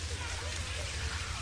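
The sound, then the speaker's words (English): Steady rainfall makes a dense, even hiss that never lets up, with a low rumble running underneath throughout. “Oh, it feels so good. The rain and thinking of you.”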